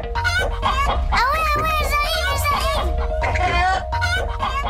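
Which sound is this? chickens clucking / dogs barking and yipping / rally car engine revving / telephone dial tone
chickens clucking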